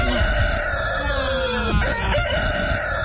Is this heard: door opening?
no